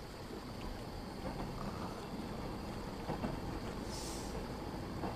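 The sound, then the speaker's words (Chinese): A train rumbles past with a steady, heavy low roar that holds for several seconds, joined near the end by a brief high hiss; no one speaks. “这个时间不该有火车的呀。”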